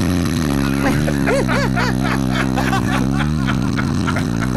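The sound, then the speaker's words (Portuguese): A person imitates loud snoring with their voice, making a continuous, rattling, buzzy snore that lasts several seconds without a break. “deve roncar, tem cara aqui. Um barulho mais ou menos assim, ó.”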